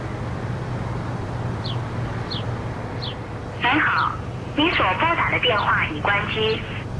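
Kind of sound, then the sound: signal or alarm, phone call dialing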